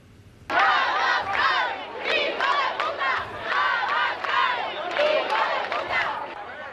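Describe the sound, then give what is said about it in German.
Hundreds of people at a protest rally in the old town of Ceuta, the Spanish exclave in North Africa, shout slogans in unison against Prime Minister Pedro Sánchez over the migration crisis: loud rhythmic bursts of many voices rising and falling in repeated chant phrases, starting abruptly and continuing with a steady pulse. “In der Altstadt von Ceuta haben sich hunderte Menschen zu einer Protestkundgebung versammelt. Die Demonstranten richten ihre Parolen gegen Ministerpräsident Pedro Sanchez, der für seine migrationsfreundliche Politik bekannt ist.”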